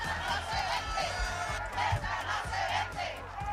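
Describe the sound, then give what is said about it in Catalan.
A large protest crowd in Ceuta chants the slogan "Ceuta no es ven" (Ceuta is not for sale) in unison, many voices rising and falling together in loud, repeated bursts over a constant roar. “El lema de la manifestació era ja n'hi ha prou, Ceuta no es rendeix, hi havia crits com aquest, Ceuta no es ven, però també hi havia crits contra Pedro Sánchez, directament insultant-lo.”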